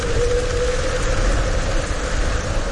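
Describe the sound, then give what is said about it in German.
Dense, steady rain pours down during the night, a continuous loud hiss and patter for the whole stretch, with a faint low hum underneath and no voices. “Richtig viel Regen.”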